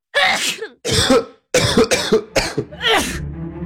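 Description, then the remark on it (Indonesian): A series of harsh coughs, about five or six bursts in quick succession, followed by a rough throat clearing that trails off into a low rumble. “Musim sekarang ni, ramai yang demam, batuk dan selesmak.”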